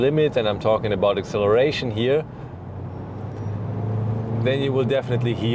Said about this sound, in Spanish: Lo único que hay que reconocer es que si decides llevar el coche al límite, y me refiero a la aceleración, sin duda lo irás.